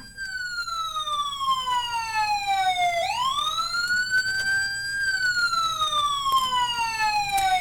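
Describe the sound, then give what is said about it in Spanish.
A loud emergency siren wails continuously at the scene of a motorcycle burning in the street in front of a geriatric hospital on Calle Martí. Its pitch slides down slowly, then sweeps back up and falls again, with a steady rumble of street noise underneath and no one talking. “Está incendiándose motocicleta enfrente del hospital geriátrico, en la calle, se los voy a pasar tal cual.”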